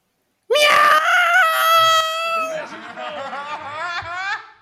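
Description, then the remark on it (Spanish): A cat with its paw caught yowls in pain: a loud, high, drawn-out screech holds for about two seconds, then slides into a lower, wavering cry that continues to the end, with no talking. “Un gato al que pillaron una pata.”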